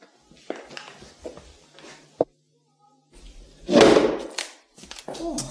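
A sharp thud at about two seconds, then a louder crashing burst of wood and rattling a little later as a door is slammed hard and broken; faint shuffling noises around it.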